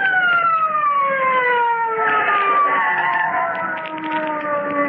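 A loud police car siren wails continuously, its tone slowly gliding downward in pitch as the car stops in front of a building, with a low rumble of traffic underneath and no voices.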